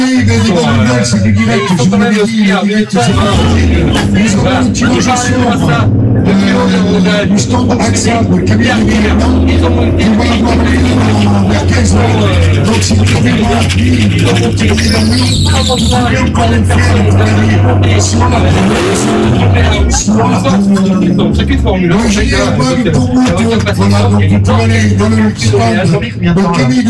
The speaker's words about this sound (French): Ils montent en plein régime pour pouvoir arriver à faire des dérapages sur ce parking.